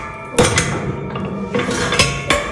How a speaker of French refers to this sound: Je vous laisse ouvrir la porte pour qu'on entende bien en direct. Voilà.